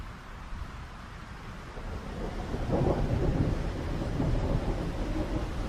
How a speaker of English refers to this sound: the temperature drops, and violent gusts of wind sweep through the Fynbos. Facing the storm at the end of the world, a solitary ostrich continues to peck at the ground, leaning into the wind, determined to keep his plumage intact.